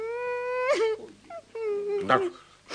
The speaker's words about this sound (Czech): Tak dost už pláče.